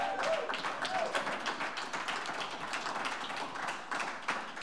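An audience on the Blue Plate Special show on WDVX claps for the performer of the first half of the show, a dense crackle of many hands that holds at an even, fairly loud level for the whole stretch, with a faint whoop or whistle near the start.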